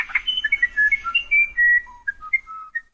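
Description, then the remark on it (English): A South American musician wren sings a quick run of clear, flute-like whistled notes, stepping between higher and lower pitches with short pauses, heard alone with no talking. “It's a tough decision, but many would choose South America's musician wren. Learn more about this little bird's special song”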